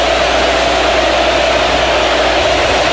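stadium crowd roaring

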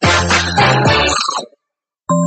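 mobile phone ringtone ringing

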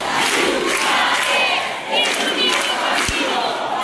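protest crowd chanting slogans

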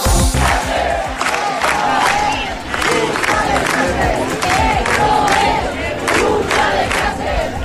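street protest crowd chanting

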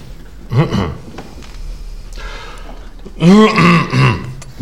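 throat clearing and coughing

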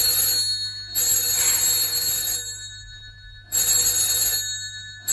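telephone ringing

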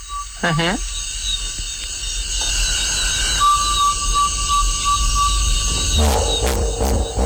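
hippopotamus calls

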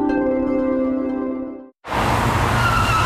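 car tires skidding

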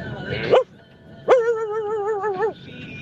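dog barking

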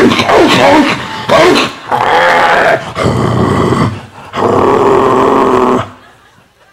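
german Shepherd dog growling

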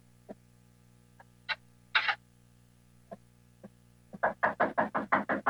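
knocking on a door

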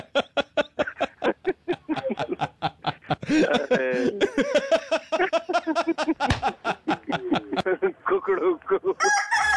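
rooster crowing

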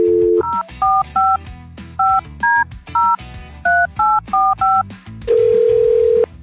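telephone dialing and ringing

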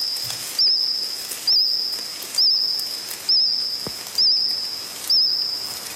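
cricket singing

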